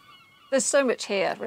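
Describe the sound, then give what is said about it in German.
Seagulls screaming, heard from an attic studio in the centre of Peel: a quick series of three loud, harsh, wailing cries following a brief quiet moment, with no talking. “Wenn man genau hinhört, kann man hier die Möwen schreien hören.”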